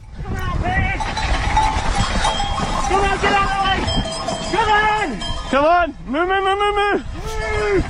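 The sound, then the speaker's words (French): A herd of about a hundred cows with cowbells at Bruzon in Valais, in the path of two mountain bikers racing down the slope at full speed: a steady jangle of clanking bells, joined toward the end by several loud, drawn-out calls that rise and fall in pitch. “Jusqu'ici, tout va bien, mais sur leur route, une centaine de vaches.”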